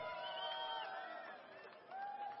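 An audience cheers and whoops in a steady, fairly loud swell of many voices, sustained throughout with a brief dip before rising again at the end.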